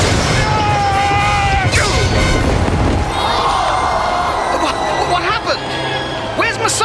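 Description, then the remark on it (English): During a chariot race, a chariot slams into a turning post with a loud, rumbling crash, its driver flung across the turn; splintering noise is dense for a few seconds before easing, while a large crowd roars and shouts throughout. “His chariot hit the turning post. He's been flung across the turn and into the path of the Jews' chariot.”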